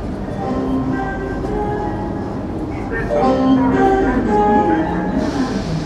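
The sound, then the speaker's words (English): Regional TER train number 886 rumbles steadily, a dense continuous mechanical roar with tonal whines rising slightly louder midway, and indistinct voices murmuring underneath. “Le train TER 886.”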